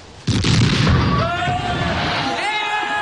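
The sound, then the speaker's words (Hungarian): A ship's bow cannon fires at a monster with a single sudden, heavy boom, then a broad rumbling roar that lingers for the rest of the moment while voices rise over it. “$500 kap, aki beletalál ebbe az ördöngős szörnyetekbe. Majd én megpróbálkozom, ha szabad. Helyes! Tűz!”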